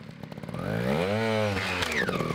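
A small trial motorcycle engine revs up, its pitch climbing to a peak and falling back in one sustained rise and dip. The sound is loud, with no voices.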